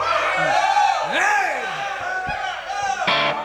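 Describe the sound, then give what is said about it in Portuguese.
An audience at a live show broadcast on Educativa FM cheers and yells loudly for a few seconds when asked to make noise, with many overlapping voices whooping and shouting in rising and falling pitches, ending in a burst of noise. “Se vocês fizerem barulho, eu acredito.”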